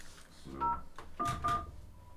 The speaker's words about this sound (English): It wasn't fast enough. Please check the number and dial again. I gotta dial fast.